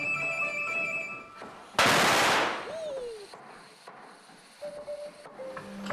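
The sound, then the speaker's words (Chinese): A string of firecrackers set off in celebration in the early morning at a dragon boat workshop erupts in a loud, dense crackling rattle lasting about a second, then fades, with steady tones before it and a short falling whistle just after. “庆功大家烧鞭炮！”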